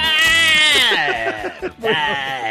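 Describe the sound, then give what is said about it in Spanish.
A goat bleats loudly in one long, quavering cry that wavers up and down before breaking into shorter trembling bleats, with no talking over it. “Sonó la vaca, sonó el gallo, sonó la chiva también.”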